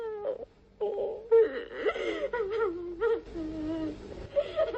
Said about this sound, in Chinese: 哭声把白天大伙在白桦林里的热情和幻想全都冲淡了。